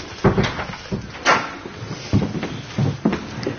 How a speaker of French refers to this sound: Alors, je crois que je vais devoir vous emmener à la porte. Vous pouvez fermer la porte, là.